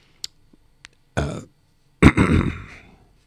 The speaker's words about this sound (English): gosh, my coughing is getting at me.